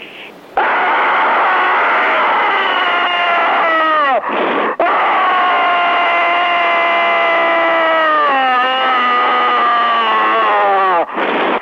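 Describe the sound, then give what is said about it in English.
A person screams loudly and continuously over a telephone line, the tinny, band-limited voice rising and falling in long wailing pitch sweeps with a couple of brief breaks for breath. “There's another screamer on the line.”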